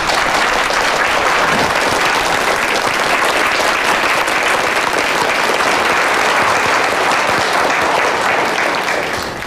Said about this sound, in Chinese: 大家鼓掌，欢迎季总。